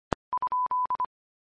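A telephone dial tone sounds during a call: a sharp click, then a steady mid-pitched tone broken into two short beeps, two longer ones and two short beeps again. No one speaks.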